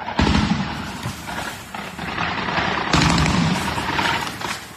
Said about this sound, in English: Russian air defence is trying to shoot down Ukrainian drones in Crimea.